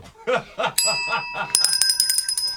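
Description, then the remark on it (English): A hand bell, rung by a contestant to buzz in during a spelling contest, rings sharply twice, the second time rattling in quick repeated dings, loud, just after a burst of laughter. “I wrote my bell.”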